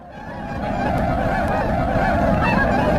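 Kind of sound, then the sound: bird, flock of swans honking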